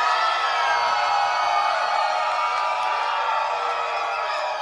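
An audience cheers and screams together on a count of three, a dense, steady roar that holds at a constant loudness for several seconds without letting up.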